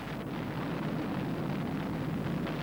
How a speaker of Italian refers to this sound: Solo a 40 chilometri dalla città fu possibile udire il boato dell'esplosione, che per quelli più vicini si trasformò in silenzio.